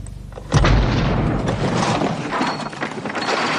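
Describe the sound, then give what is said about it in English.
A car bomb, unsophisticated but extremely powerful and planted directly under the driver's seat, explodes with a sudden, loud blast after a moment of low rumble, followed by a sustained roaring, crackling wash of debris and noise that carries on to the end. “never heard the explosion or Margaret's screams for help over the music from his radio”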